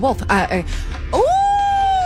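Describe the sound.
A person imitates a wolf howl: a few short wavering vocal yelps, then a long rising tone that climbs and holds steady at a high pitch until the end.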